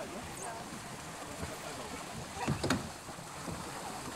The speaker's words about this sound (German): Nach und nach trudeln die Boote wieder ein.